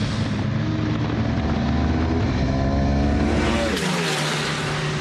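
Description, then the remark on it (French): A V4 sport motorcycle engine roars loudly on the Misano circuit, its pitch climbing as it revs hard, then shifting as the rider changes gear. No talking. “Quelle expérience de dingue de rouler à Misano sur la V4 avec Matteo Ferrari, donc en tête du championnat d'Italie Superbike.”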